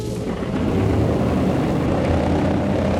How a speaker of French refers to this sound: Les moteurs sont lancés et l'avion, pivotant tout doucement sur lui-même, roule lentement d'abord, accélère ensuite et disparaît rapidement dans la nuit.